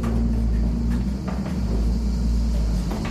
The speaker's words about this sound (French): Donc ça, c'est voilà, le moulin se met un peu à tourner, on l'entend. Voilà. On entend le frottement des meules aussi.